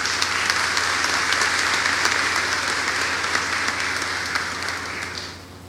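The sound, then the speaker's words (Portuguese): A sustained round of applause from a crowd welcoming the priests at a feast in honor of Nossa Senhora da Piedade in the town of Lagarto, dense and steady clapping at moderate loudness that tapers off near the end, with a low hum underneath and no talking. “a nossa acolhida cordial com a calorosa salva de palmas.”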